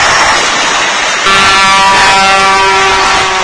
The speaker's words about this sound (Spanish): Ahí está la bocina. Ahí pasó uno, escucha.